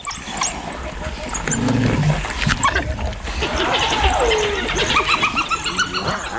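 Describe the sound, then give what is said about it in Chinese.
A chaotic clash between two spotted hyenas and a pack of African wild dogs: overlapping growls, yelps and high twittering calls, with a rising whoop partway through, loud and continuous throughout. “哦，是斑猎狗，斑猎狗来了，这下可热闹了。”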